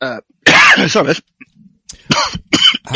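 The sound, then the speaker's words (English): A man's loud bout of coughing and throat clearing: a harsh burst, a short pause, then several more rough coughs in quick succession. “Now the problem is that you're going to get, I'm going to cough again soon, you're going to get power.”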